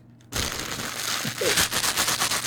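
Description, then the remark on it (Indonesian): Continuous crinkling of a plastic bread bag, starting abruptly after a brief pause and continuing as dense, crackly rustling with sharper snaps throughout. “Kresek roti.”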